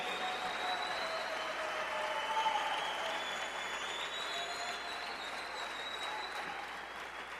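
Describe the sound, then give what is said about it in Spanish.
An audience claps steadily for several seconds, a dense, even wash of many hands with no single claps standing out, holding at a fairly constant level throughout. “Gracias, gracias, el aplauso al rey.”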